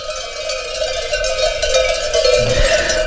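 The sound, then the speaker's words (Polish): Many bells on a herded flock of sheep clang together in a steady, overlapping jangle, a dense metallic ringing that carries on without pause for the whole stretch, with no voices. “Jest jak telu dzwonków dzisiaj mają, no tu.”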